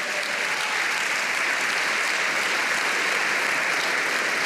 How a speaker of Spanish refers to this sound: ¿Puede dar un aplauso grande al Señor?